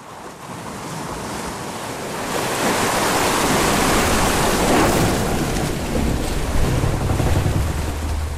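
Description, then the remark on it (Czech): Sea waves surge and wash steadily around the deck of a schooner sailing at full speed on the open sea, a broad continuous roar of surf mixed with gusting wind, swelling louder midway and holding strong, with a low engine-like rumble near the end. “Konečně mě vytáhli z té díry a vynesli mě na palubu lodi.”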